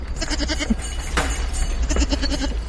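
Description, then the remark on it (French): Several goats, including Rhône goats, three Savoie goats and an Alpine-Saanen cross, bleat in overlapping, wavering calls, steady throughout, with a constant low rumble of background noise and no one speaking. “Alors là, t'as des chèvres du Rhône. Là, t'as trois chèvres de Savoie.”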